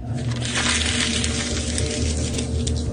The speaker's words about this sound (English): All these pieces of paper that she's crumpling, they're all fake. It's just like, you know, copy paper from Staples.